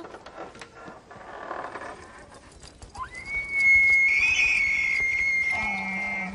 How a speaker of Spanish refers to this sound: ¿Oíste eso? Proviene de una criatura asombrosa. Un alce. Los sonidos que hace el alce semejan a una trompeta. Sigamos ese sonido hasta el animal que los hace.